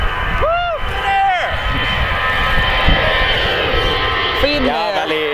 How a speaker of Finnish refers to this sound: Finnair. Matkustajakone. Kyllä siinä vähän yli 90 meni Finnairin matkustajakonekin.